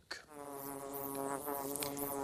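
Bees at their tree, where they live in a hollow and produce honey, buzzing in a steady, continuous drone that holds fairly loud for a couple of seconds, with slight wavering in pitch and no voices.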